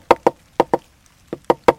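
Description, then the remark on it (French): Sharp, dry knocks on wood imitating a woodpecker pecking at a dry tree to make a hole to find ants: two quick pairs, a short pause, then three more raps, loud with no talking. “Puis le picatard, lui, le pivert, il cogne dans un arbre sec pour faire un trou pour trouver des fourmis.”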